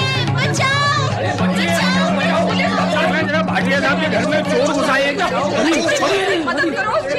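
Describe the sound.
A loud, dense crowd commotion as neighbours gather at a house on hearing the noise and catch two thieves: many voices shouting and talking over one another at once, with constant agitated chatter and a few laughs throughout.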